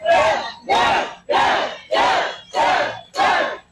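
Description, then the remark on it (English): A large crowd at Old Town Plaza, New Mexico, on election night chants Deb Haaland's name in unison, six loud, evenly spaced shouts about half a second apart, each swelling and fading in a steady rhythmic pattern. “As the crowd was chanting her name, Deb Haaland took to the stage to thank voters for their support and outline her agenda.”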